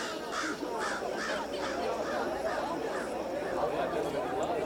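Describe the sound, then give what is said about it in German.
A raven calls in a steady series of about eight harsh, hoarse croaks, fairly loud, over a constant murmur of background chatter. “Hier ist Rabe.”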